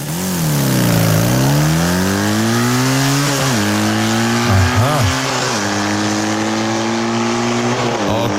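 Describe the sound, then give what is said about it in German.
A motocross bike engine revs loudly and continuously during rehearsals for the Radio Regenbogen morning show, its buzzing pitch dipping and climbing again and again as the throttle is worked, with short blips and wavers along the way. “die schmeißt sich morgen aufs Motocrossrad”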